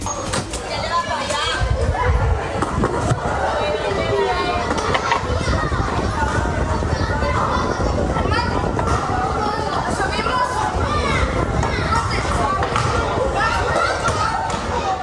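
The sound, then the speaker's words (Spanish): Children playing in the street at dusk on a summer evening, running, laughing and riding bikes, at the Puerto Mar housing estate, kilometre 14, La Manga del Mar Menor, Region of Murcia, Spain. They shout and chatter in a lively, continuous babble, with a ball thudding now and then among the overlapping voices, steady throughout. “Son niños jugando al caer la tarde, corriendo, riendo, montando en bicicleta o inventando cualquier excusa para seguir un rato más en la calle”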